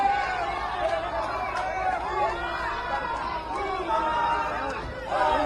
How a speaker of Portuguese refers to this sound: Foi recebido a gritos de olê, olê, olá, lulá, lulá.